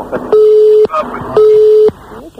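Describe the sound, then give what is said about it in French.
A phone line's cut-off tone: two loud, steady mid-pitched beeps, each about half a second, separated by an equal pause, with murmured voices underneath. “Je sais pas ce qui a coupé, mais ça a coupé en tout cas.”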